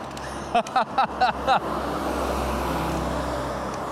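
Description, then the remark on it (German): A bus rumbles past by a railway platform on the way to a bus stop, its broad engine and road noise filling the whole clip, with a quick series of five short sharp bursts near the start. “Da fährt ein Bus.”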